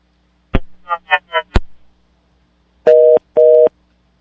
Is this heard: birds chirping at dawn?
no